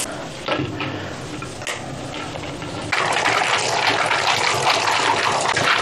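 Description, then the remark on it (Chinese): Water splashes and sloshes as walnuts are rinsed, with light knocking and clattering, then a steady louder rush of running water takes over for the second half. “就洗干净，它会更漂亮一些。”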